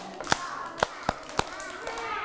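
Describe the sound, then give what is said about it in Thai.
Hands clap four times in an uneven rhythm during a teacher's clapping activity for children, each clap sharp, with a slight gap between the first and the rest, over a quiet background. “ถ้าอยากฟังปรบมือหนึ่งครั้งปรบมือสองครั้งปรบมือห้าครั้ง”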